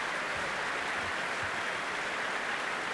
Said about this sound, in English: And here they are back on stage again, broad smiles, but immediately turning to applaud the players of the CBSO, who are happily applauding them back after enjoying a front row seat for that encore.